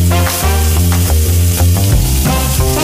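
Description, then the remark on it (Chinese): Sliced wild bolete mushrooms (jianshouqing, a red bolete from Yunnan) sizzle steadily as they stir-fry in hot oil with garlic slices and dried chili pieces, a continuous crackle heard beneath prominent background music with sustained melodic notes. “菌子切片，以蒜片和干辣椒段炝锅，加菌子翻炒。”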